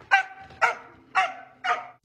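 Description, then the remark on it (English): A Kelpie dog barks four times in an even, quick rhythm, each bark sharp and high-pitched, with no talking. “Because the blue dog, it has quite a high-pitched bark.”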